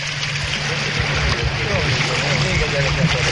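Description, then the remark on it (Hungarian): A boat speeds up fast through water in windy weather, with a steady, dense rush of wind and spray and a low droning hum underneath, loud throughout, with a faint voice mixed in. “Most nagyon megy. Jó, jó gyorsul a hajó.”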